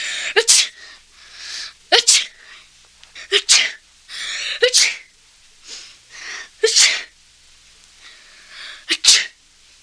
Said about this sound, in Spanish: Y una vez más, la carne del niño cobró calor. Y el niño estornudó 7 veces.